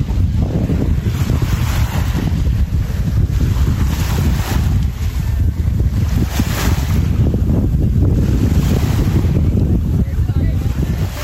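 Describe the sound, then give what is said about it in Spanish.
A steady breeze rushes and rustles through pine trees at a cove in La Manga del Mar Menor in the early morning, while small waves of the Mar Menor wash softly against the shore, with occasional gentle swells and low wind rumble throughout. “La brisa moviendo los pinos que dan nombre a la cala y el agua rompiendo suavemente en la orilla.”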